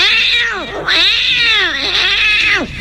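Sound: cat meowing sound effect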